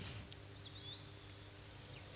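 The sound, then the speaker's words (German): Faint, scattered bird chirps and short whistles twitter high above a low, steady instrumental hum at the start of an instrumental music piece from 1981, all at quiet volume with no voices. “Ach, das fängt auch mit Vögeln an.”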